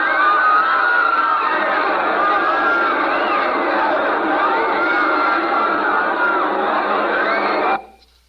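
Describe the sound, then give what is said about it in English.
A huge crowd roars and screams in terror, thousands of overlapping voices forming a loud, unbroken wall of wailing cries that holds steady for about eight seconds before cutting off abruptly. “I heard the terrified roar of thousands of throats, and I knew it was death.”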